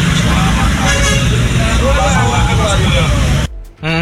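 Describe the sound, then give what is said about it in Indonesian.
Dense, steady traffic rumble of a traffic jam on Jalan Muharto, with car horns tooting repeatedly over it and voices mixed into the din, cutting off abruptly near the end. “Muharto macet, Muharto macet.”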